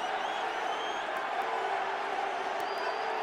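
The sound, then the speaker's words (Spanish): A steady, dense roar of New York City FC supporters shouting together at Red Bull Arena late in a match against Tigres, a continuous wash of many voices with a few sharp high accents rising briefly above the din. “Y la porra de New York City ahora gritando y gritando.”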